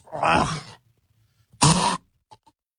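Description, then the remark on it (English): A person imitates hacking up a fur ball: two loud, raspy, gagging coughs separated by a short pause, followed by a couple of faint clicks. “You think you're going to be coughing up a fur ball or something?”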